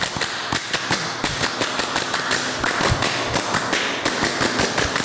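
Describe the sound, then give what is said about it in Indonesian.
A group of Pramuka scouts from troops 11065-11066 based at MTSN 5 Madiun claps out a quick, rhythmic Scout clapping pattern (tepuk pramuka), sharp crisp claps in bursts, repeated twice over a few seconds with no talking. “ulangi lagi, dua kali tepuk pramuka.”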